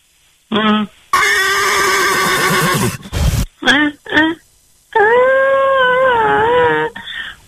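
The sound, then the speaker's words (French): A person imitates a horse whinny in several bursts: a harsh, breathy neigh, a few short snorting calls, then a long quavering whinny that wavers in pitch, loud with no other talk. “Vous m'y refaire le bruit cheval?”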